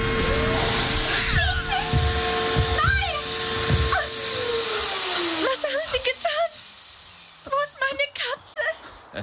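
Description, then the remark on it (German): A vacuum cleaner on its Power 3 setting roars loudly with a steady high whine for about five seconds, then its motor pitch slides downward as it winds down, followed by short bursts of excited voices. “Was hat Ihr Staubsauger getan?”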